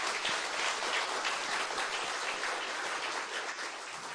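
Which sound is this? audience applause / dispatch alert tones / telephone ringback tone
audience applause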